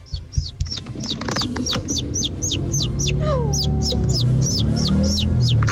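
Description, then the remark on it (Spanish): A voice imitates a baby chick as a hidden talent, giving a steady run of high, quick peeps, about twenty in a row, fairly loud over a low rumbling background. “mi talento oculto es hacer como pollito.”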